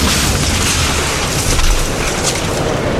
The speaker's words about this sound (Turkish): Görüntülerin adresi Kocaeli Gebze. Kamyonet cadde üzerinde seyir halindeydi. O sırada kavşaktan dönüş yapmaya çalışan bir otomobile süratle çarptı. Direksiyon hakimiyeti kaybolan kamyonet önce ağaca sonra galeriye daldı.